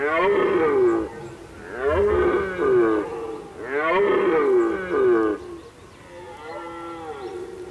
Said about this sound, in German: Die Hirschsprunft im Duvenstädter Brook ist ein Spektakel, wenn man es denn noch so zu sehen bekommt.